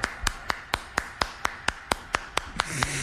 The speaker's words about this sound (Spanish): Cómo no, venga el aplauso para mi compa el Chaca.